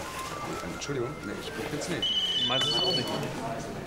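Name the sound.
mobile phone ringing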